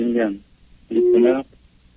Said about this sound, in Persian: وسط حرف اسکایپ اون برادرمون یه تلفن اومد. اسکایپ اینطوریه دیگه، وقتی اسکایپ ببخشید واتساپ اینطوریه، وقتی زنگ میزنی روی واتساپ تلفن‌های دیگه اینترابتش میکنه، کسی دیگه نمیتونه زنگ بزنه.